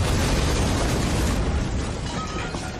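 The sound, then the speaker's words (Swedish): A loud accidental nitroglycerin explosion in Stockholm, heard over the whole city, rumbles with a deep, sustained roar that fills the whole moment, heavy in the low end and barely fading, with no voices. “Den dagen hördes explosionen över hela Stockholm.”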